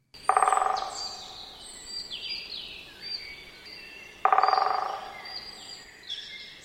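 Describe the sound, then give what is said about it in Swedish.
Two short, rapid drum rolls from a great spotted woodpecker, each under a second and fading quickly, separated by a few seconds, with songbirds chirping faintly in the background. “Det är en kort trumning som den större hackspetten har.”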